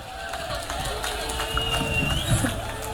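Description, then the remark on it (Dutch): A live audience applauds a performer steadily for several seconds during a live radio show, also streamed on YouTube and radiocultureel.nl: a dense wash of clapping with some cheering and a thin whistle rising above the crowd noise. “Waanzinnig applaus voor”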